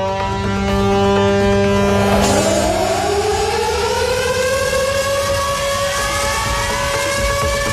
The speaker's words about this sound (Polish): Na Westerplatte trwają obchody 87. rocznicy wybuchu II wojny światowej. Uroczystości rozpoczęły się dźwiękiem syren alarmowych o 4:45, czyli w godzinę niemieckiego ataku w 1939 roku.